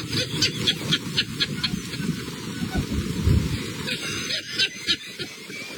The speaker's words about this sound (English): You can see in the video sparks and flame when the lightning hits.